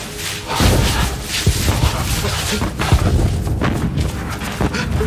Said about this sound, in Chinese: 我听见了，是炮声，解放军来接我们了。